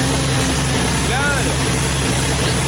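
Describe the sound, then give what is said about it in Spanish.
A heavy racing tractor engine idles inside a shed with a steady, loud, low rumble that never lets up, smoke coming from its exhaust, and faint voices can be made out beneath it. “Ah, debe ser el tractor que usan para correr las carreras.”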